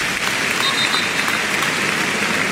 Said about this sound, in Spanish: Ahora oiremos también esos aplausos en recuerdo a Jarque, pero qué bonito ese detalle, vamos a oírlo.